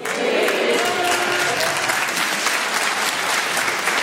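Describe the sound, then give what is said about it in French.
Steady audience applause, mostly from women, fills the whole four seconds, a dense wash of many hands clapping at an even level with no pause or build. “Il y a vraiment que les meufs qui applaudissent.”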